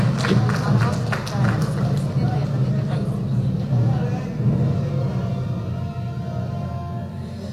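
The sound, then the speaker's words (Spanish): An audience applauds for the president of the Puerto Villarroel Municipal Council during a recognition ceremony, with sharp clapping strongest in the opening seconds before it thins into a steady murmur of crowd noise over a low rumble. “Felicidades y un fuerte aplauso.”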